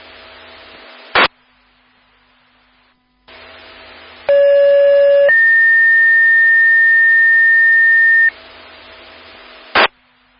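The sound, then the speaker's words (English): Two-tone paging alert over a South Haven Fire department radio channel, sent as disregard tones because the call was only burnt food: a loud, harmonic-rich buzzy tone held about a second, then a long steady high tone for several seconds, bracketed by brief squelch bursts and faint static. “South Haven Fire, these are your disregard tones for Soha on M43.”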